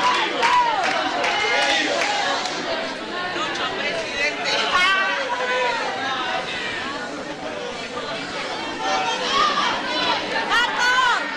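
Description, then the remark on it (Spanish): A large crowd of football fans in a stadium shouting and calling out over one another, some shouting for Germany, a steady dense roar of many overlapping voices with occasional louder, higher-pitched yells rising above the din. “Es como que alguno grita por Alemania, otro mal.”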